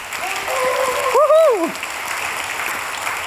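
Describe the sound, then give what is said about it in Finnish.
A crowd applauds the heavenly Father steadily, a dense wash of clapping from start to finish. Partway through, a voice cheers with a rising-then-falling whoop over the clapping. “Ja jotenkin mä myös ajattelen, että kun ollaan täällä yhdessä, niin eikö me voitaisiin ihan kunnon aplodit antaa myös taivaan isille?”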